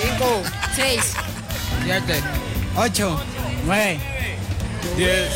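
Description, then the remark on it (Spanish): A crowd of schoolchildren shouting and yelling over one another during a recreational activity with Copa Tolima, high-pitched voices rising and falling in loud, overlapping cries that continue without a break. “ya yo me voy a hacer por acá para que ustedes escuchen los gritos de los muchachos”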